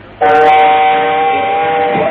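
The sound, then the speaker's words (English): A train sound effect for catching a train to Tangier: a loud, sustained train whistle blares suddenly and holds steady for about two seconds, its harmonic tones ringing out, with no voices. “We shall have to catch a train to Tangier.”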